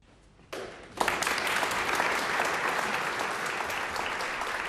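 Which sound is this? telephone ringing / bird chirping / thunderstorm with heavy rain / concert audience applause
concert audience applause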